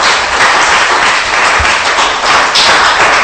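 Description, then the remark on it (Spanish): A church audience claps hands together during a sermon, applauding in praise of the King. The applause is a steady, dense wash that fills the space loudly and continuously, with no voices rising above it. “Ojo, dele palmas, pues le va a dar palmas al Rey.”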